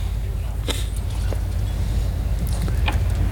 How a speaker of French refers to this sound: ça enregistrait le son. Ouais. Le son des bateaux.